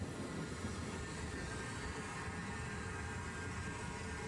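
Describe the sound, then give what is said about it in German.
A steady, rumbling train noise rolls on continuously with a broad low roar and faint hiss, a train of Germany's first seaside resort railway, built in 1886, running along the tracks between Bad Doberan and Heiligendamm. No voices are present. “2 Züge verkehren immer gleichzeitig auf der Strecke. Treffpunkt Heiligendamm.”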